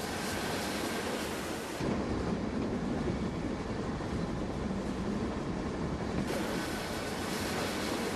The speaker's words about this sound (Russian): Поезд Андрея останавливается на полустанке.